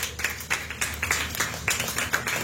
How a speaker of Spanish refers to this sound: Tiene la ofrenda de palmas al Señor